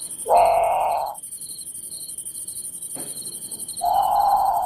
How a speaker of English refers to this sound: Okay, so that's the Grand Patu. It sounds a lot. It's haunting. It sounds a lot like a very scared bird calling for a parent, in the middle of the night.